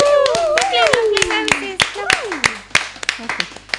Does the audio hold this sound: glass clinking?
no